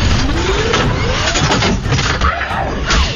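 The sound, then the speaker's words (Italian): A moped engine cranks and sputters, trying to start, with a rising whine over dense mechanical rattle. The sound is loud, and it runs continuously throughout. “No, motorino, no! Non mi lasciare!”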